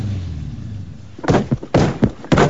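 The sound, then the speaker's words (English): A man sitting in his car pounds the padded passenger seat with his fist several times in quick succession, each blow a dull thud after a moment of quiet low rumble. “He hits the passenger seat with his fist.”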